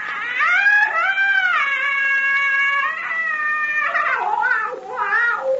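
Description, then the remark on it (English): A witch doctor's call of death: a long, eerie, high-pitched wailing scream that rises, holds and bends in pitch, then breaks into shorter yowling cries toward the end. It is loud and continuous, with no talking. “Nakapa give witch doctor call of death. Now, that scream we heard was the witch doctor.”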